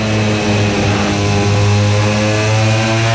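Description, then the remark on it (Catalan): Loud, steady engine roar with strong harmonic bands from racing motorcycles in a race, the riders easing off the throttle slightly and then accelerating hard again, holding a high buzzing pitch with a slight swell midway and no voices. “Aprofitant la mateixa velocitat, tallen una mica i tornen a donar gas fort.”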